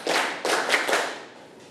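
A group of children clap their hands together in a quick burst of several loud, slightly ragged claps, with the sound fading out afterward and no talking. They clap five times in class to show they are ready for an activity.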